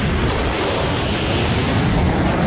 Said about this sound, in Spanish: El avión rompiendo la barrera del sonido.